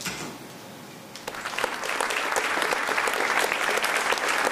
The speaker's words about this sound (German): Auch an diesem Abend im Theater ist das Publikum begeistert. Immer wieder müssen die Klinikmitarbeiterinnen und Mitarbeiter auf die Bühne. Sie verneigen sich und genießen den Applaus.